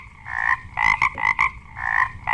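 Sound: frogs croaking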